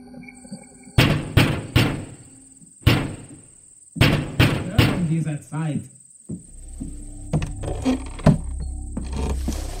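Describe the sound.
Loud knocks on a wooden door, struck in several irregular bursts over a few seconds, each sharp and heavy, followed by low voiced sounds and rustling.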